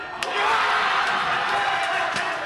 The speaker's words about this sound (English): Paraguay wins, vanquishing the legendary German squad. The crowd goes nuts, and then, wait for it, the whole place comes under a sort of sonic assault.